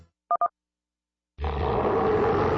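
Two quick electronic beeps, a brief pause, then a loud big cat roar bursts in, deep and rumbling, sustained through the end.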